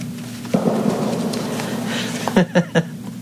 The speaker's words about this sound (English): So, maybe that scared the crickets, or maybe they don't like the smell of the smell of the gun smoke from the fireworks out there, as you can hear. Usually they're a bit closer than that.